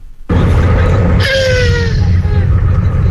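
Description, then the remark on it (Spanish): A scream performed by a dubbing voice actor: a loud, sustained, high-pitched cry that slides gradually downward in pitch, over a harsh, noisy rumbling bed that fills the whole clip. “¿Y cómo es el grito?”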